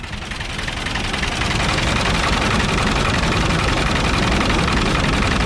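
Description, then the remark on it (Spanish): A tractor engine runs steadily during a grape harvest, its loud diesel rumble swelling slightly in the first second as it revs, then holding a constant, rattling drone with no voices. “Es el sonido del tractor.”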